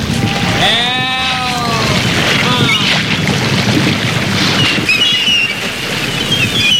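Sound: rushing waterfall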